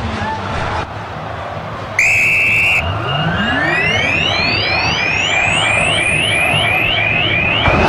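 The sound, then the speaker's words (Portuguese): Referee Flávio Rodrigues de Souza blows the final whistle at the Mineirão, ending the first leg of the Copa do Brasil quarterfinal, the Superclássico Mineiro with Cruzeiro: one sharp blast cuts through a loud stadium crowd, followed by a longer, rising, warbling whistle as the roar of the fans continues underneath. “Apita pela última vez do jogo no Mineirão, o Flávio Rodrigues de Souza.”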